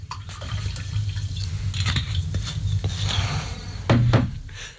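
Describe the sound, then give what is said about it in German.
Whisky is poured into glasses, a steady trickling splash over a low background hum, with a few brief clinks and a louder gush near the end. “Vielleicht ist es jetzt an der Zeit, mal einen guten Whisky für besondere Anlässe auszuschenken.”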